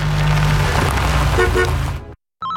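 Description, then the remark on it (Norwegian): A car whines loudly as it corners, a steady roaring drone with a low tonal hum, cutting off abruptly before a brief burst of noise returns. “Bilen min lager slik vinelyd i svinga.”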